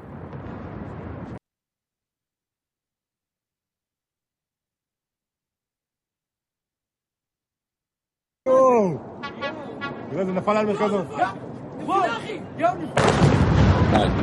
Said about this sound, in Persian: آها، اینم مربوط به شلیک این موشکاست.